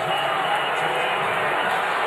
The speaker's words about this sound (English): They'll say before the shot, Josh Chivin, the official, and he's hearing it from the crowd on the late whistle, foul against Hartenstein.